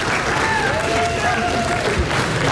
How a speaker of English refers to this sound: Give them a big round of applause and best of luck to you.